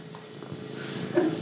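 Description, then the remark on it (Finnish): A cat purrs softly while being stroked, a low, steady rumble with a faint rhythmic pulse, over quiet background hiss. “Nyt siellä kuristaa ja kehrätään.”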